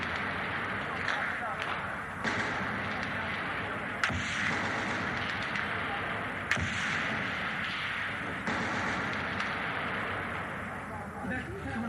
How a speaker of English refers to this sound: Those are sounds of bombs. Sounds of machine guns.